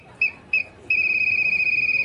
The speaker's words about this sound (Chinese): 喂，教练到咯，吹哨子咯，唔知我哋今日又要学乜嘢呢？